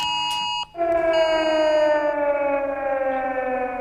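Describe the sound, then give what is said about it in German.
A loud, sustained civil defense warning siren wail with a slowly falling pitch, preceded by a brief higher alert tone, sounded as a test alarm on Germany's nationwide warning day in September, continuing steadily to the end with no voices. “Ja, wenn Sie eine Sirene heulen hören oder Ihr Handy plötzlich Alarmtöne von sich gibt oder Sie eine Durchsage wahrnehmen, es ist nur eine Probe, denn es ist der bundesweite Warntag, wie immer im September.”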